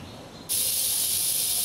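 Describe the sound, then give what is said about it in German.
After a moment of quiet, rattlesnakes suddenly start rattling in excitement at a warmed feeder animal presented as prey, a loud, sustained dry buzz that keeps going steadily without pause. Nobody speaks. “Ja, da klappert ihr vor Aufregung, ne?”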